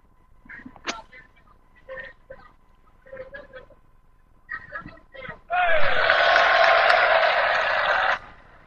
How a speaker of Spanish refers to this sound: Bueno, ahí están aplaudiendo, muy bien.